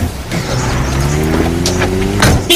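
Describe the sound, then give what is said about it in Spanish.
A car engine hums and rises steadily in pitch as the vehicle accelerates, with a brief mechanical clunk near the end and no voices. “En tu coche.”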